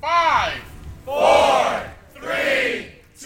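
University staff and upperclassmen cheer and shout in loud, rising bursts, three big swells of whoops and yells in quick succession, energetic, greeting arriving students on Move-In Day at the University of Portland.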